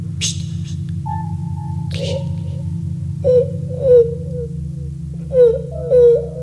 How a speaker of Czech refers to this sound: Tady pláče nějaký děcko.